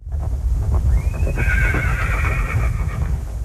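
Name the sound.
horse neighing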